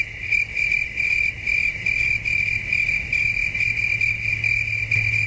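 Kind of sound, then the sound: insect, cicadas chirping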